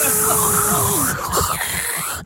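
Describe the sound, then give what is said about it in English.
A voice imitates a dentist's drill with a steady, high whirring whine over a hissy background, the pitch sliding downward partway through before the sound trails off. “Just the noise of that whirring of that drill.”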